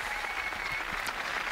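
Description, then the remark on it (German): A large crowd of faithful at the harbour of Heiligenkreuz (Santa Cruz) on Tenerife applauds in agreement with an invitation from the Pope, a dense wash of many hands clapping at once, sustained and even throughout without any voices standing out. “Diese Einladung des Papstes stimmt das versammelte Volk Gottes mit Applaus zu.”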